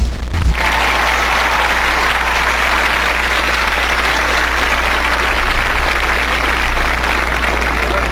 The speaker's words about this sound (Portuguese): Então, para essa quinta-feira maravilhosa que começa, vamos aplaudir esse dia que se inicia. Vamos lá.